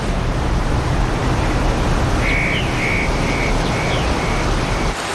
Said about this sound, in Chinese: 山泉涌动，溪水暴涨，在潺潺的流水声中